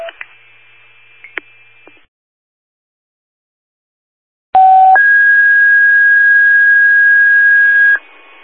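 Fire dispatch alert tones over a radio channel: a short lower tone jumps to a long, steady high tone lasting a few seconds, preceded by static and a few clicks. The tones dispatch an automatic fire alarm call at 2101 Columbia Avenue, Whitehall Township.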